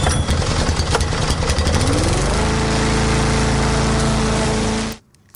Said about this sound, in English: Wiring up the lawnmower. Yeah. Well, actually, it's amazing because, speaking of lawnmowers, it is middle of winter, basically. Yeah. And you still are required to be driving your lawnmower at the moment.